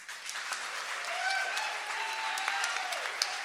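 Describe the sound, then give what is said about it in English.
A crowd at the Bitter Jester Music Festival applauds the hardworking crew steadily, many hands clapping in a dense, even wash of sound that holds at a moderate level for several seconds, with a few faint voices mixed in. “I am one of many, many, many dozens of people who make this event possible, and I would really appreciate it if you all joined me in giving a round of applause to our hardworking crew.”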